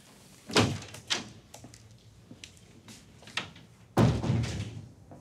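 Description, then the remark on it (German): A door is handled: a few sharp clunks and latch clicks, then a heavier shutting thud with a short rumbling tail. No one speaks. “Andere Tür.”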